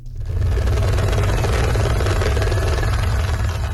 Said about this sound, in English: A helicopter hovers over washed-out areas in the country's northern Rasua district.